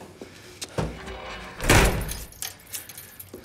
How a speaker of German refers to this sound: Schließ auf. Tür zu! Schnell!